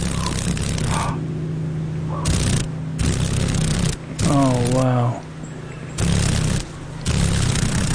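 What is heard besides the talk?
dragonfly wings vibrating rapidly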